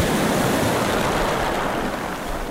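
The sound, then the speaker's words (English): Steady, dense roar of ocean surf and rushing tidal water in the Bay of Fundy, between New Brunswick and Nova Scotia, loud and continuous throughout with a broad hiss and no distinct breaks between waves; no voices. “Over 100 billion tons of water flows through the bay over the course of a single 12-hour tidal cycle, and it boasts a tidal range of roughly 16 meters, almost five times higher than the global average.”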